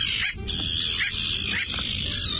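Bridled terns give harsh, barking calls in a few short bursts, layered over a steady, dense chorus of other birds calling, with a low rumble of background noise.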